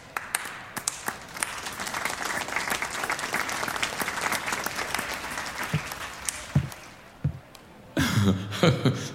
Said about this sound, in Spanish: Un aplauso, por favor.